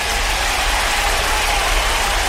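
Steady, dense audience applause for a real estate agent fills the whole stretch at an even, fairly loud level, a continuous crackling wash of many hands with a low rumble underneath and no voices.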